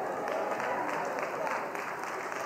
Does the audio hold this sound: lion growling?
no